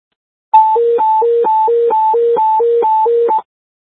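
Radio dispatch alert tones: a loud, steady electronic signal alternating between a higher and a lower pitch about every quarter second, running for roughly three seconds with no voices.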